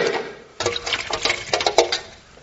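A cork popped into a tin of water, acted out as a literal take on a common saying in a game-show round: a sudden plunk followed by a quick, irregular run of splashy knocks and metallic rattles, moderately loud, with no voices.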